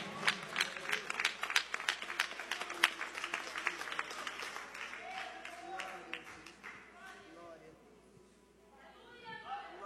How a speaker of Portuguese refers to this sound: Palmas que engrandece o nome do Senhor.